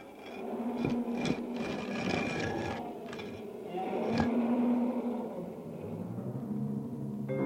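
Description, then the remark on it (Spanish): Deep, rumbling lion roars and growls fill a lions' den, loud, mixed with a few sharp knocks and scraping, grinding noises of a heavy stone being moved onto the mouth of the den. “Y Daniel fue arrojado al foso de los leones”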